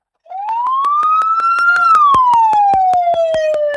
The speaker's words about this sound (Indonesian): Nah, ternyata setiap suara sirene memiliki makna sesuai tugas yang dilakukan ambulan pada saat itu. Misalnya, ini artinya ambulan sedang membawa pasien namun tidak dalam kondisi darurat. Ini maknanya ambulan sedang menjemput pasien.